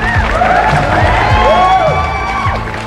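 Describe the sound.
A loud crowd cheers and whoops throughout, with rising and falling shouts over a steady roar of applause and voices that holds for the whole stretch and eases slightly at the end.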